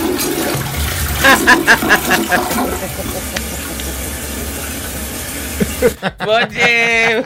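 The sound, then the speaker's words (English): A toilet flushes with a loud gurgling whoosh that settles into a steady rushing of water for several seconds, then cuts off as a person starts talking. “Flushing that one.”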